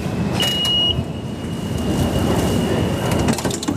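A steady, loud rumble of a subway train in motion in Manhattan, New York, with rattling and clattering throughout and a thin high-pitched whine running across the ride. No one speaks.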